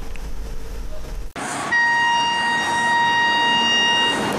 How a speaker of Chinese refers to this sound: 随着五六一九次公益慢火车缓缓停靠在乐山市沙湾区沙湾镇岱湾村的岱湾站，游客们有序下车